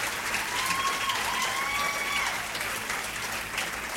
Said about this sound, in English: And well deserving of all that applause